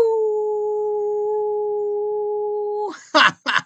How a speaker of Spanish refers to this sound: Que por el gusto de que estés escuchando, te has merecido un aullido.